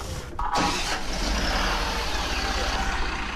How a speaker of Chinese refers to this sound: 仅仅是一段我们医疗直通车在发动机在开关门群众上下走访过程当中的录音，但是这段原声呢出自靖边杨米涧镇义诊现场。